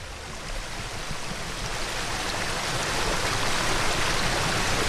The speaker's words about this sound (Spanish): Suena como río, pero es un arroyo, el arroyo Lope Marro, que atraviesa la parte del término concejil de Eguileta, bajo unos frondosos hayas.